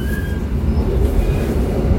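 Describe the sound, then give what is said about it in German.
An older train rumbles and rattles steadily as it departs a station, with dense low-frequency clatter and a faint high metallic squeal from the wheels as it rolls along. “das ist ein bisschen ältere Zug und der rüttelt noch ein bisschen.”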